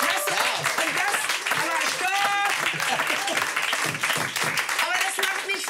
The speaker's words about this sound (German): Weil das sagen wir jetzt immer so, Applaus, Applaus.